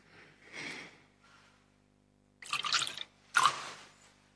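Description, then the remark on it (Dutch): A small amount of water is poured into a chalice of wine, heard as a couple of short liquid splashes and trickles with quiet pauses between them. “Water en wijn worden één, gedeeld ons mens zijn.”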